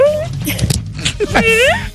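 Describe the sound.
A human voice imitates a dog, giving a couple of loud, yelping bark-like calls with sliding pitch, and other voices murmur underneath.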